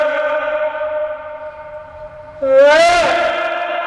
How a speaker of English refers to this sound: Wait, that means there's an echo wall really near. Did you hear how quickly your voice came back?